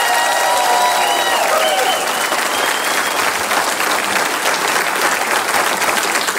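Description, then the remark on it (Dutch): Loud, sustained audience applause at a VZW Pop Allure event in Nazareth-De Pinte as three panel members are introduced, a dense wash of many hands clapping at a steady level for several seconds, with faint cheering or whistles near the start. “En ik zie voor mij een enthousiast publiek, dus ik ga ze meteen horen wanneer ik mijn drie panelleden voorstel.”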